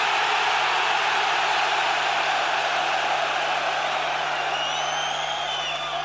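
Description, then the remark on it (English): About 32,000 heavy metal fans in a stadium in Stockholm scream on request during a concert, in one loud, sustained roar that holds steady for several seconds, with a few high whistles rising above it near the end. “Give them the fucking scream so they fucking can!”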